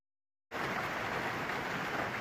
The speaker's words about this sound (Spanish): Es la imagen y el sonido de la intensa granizada que ha caído esta tarde en Talavera de la Reina, en Toledo. Ha durado apenas 15 minutos y deja inundaciones, daños en vehículos y árboles caídos.